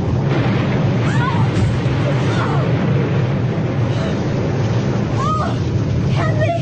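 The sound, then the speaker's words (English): Heavy waves crash and roar over the deck of a lurching boat in a steady, loud wash of water and wind, with a few faint creaks or cries rising through the surge. “He went over with that first wave.”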